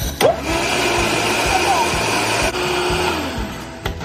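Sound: blender running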